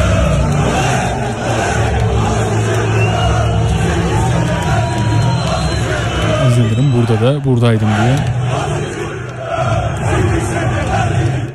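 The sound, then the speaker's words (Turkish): A large stadium crowd roars and chants from the stands, a dense, continuous wall of shouting voices, with a person speaking over the noise; recorded on a spectator's camera in the stands while a club president applauds along. “Alkışlıyor, alkışlayarak eşlik ediyor. Aziz Yıldırım bu tepkilere.”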